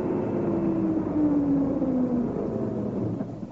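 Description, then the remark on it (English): A lorry's heavy engine rumbles, its drone dropping in pitch as it slows down and pulls up on a road blocked by a broken-down car, then easing off at the end. No one speaks. “Anyway, here it comes. We'll soon know. Yes, it is a lorry.”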